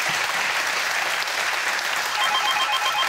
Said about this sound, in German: Der Applaus geht zu Ihnen nach Buchholz in der Nordheide.